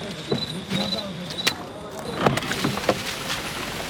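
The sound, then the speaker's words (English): A truck carrying aid and relief supplies drones steadily along a narrow, winding, muddy road, broken by irregular clunks and thumps as it jolts over the rough ground, with faint indistinct voices in the background. “The truck is moving.”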